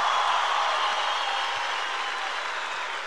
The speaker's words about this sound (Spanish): Gracias por esos aplausos espontáneos que surgen.